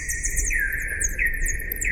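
Slowed-down recording of bat echolocation ultrasound calls, which bats use to orient themselves: swooping, electric-sounding tones recurring about every two-thirds of a second, a steady lower note paired with higher sweeping ones, over a low rumbling background. No voices.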